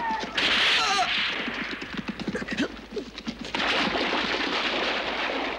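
gunfire

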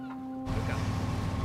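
speedboat engine running

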